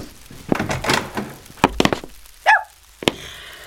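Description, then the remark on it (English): A wooden boarding-house door thuds and rattles several times, gives a short creaking squeal as it swings open, then closes with one last solid thump. No voices. “I have to open it. I hear you. Don't break my door down.”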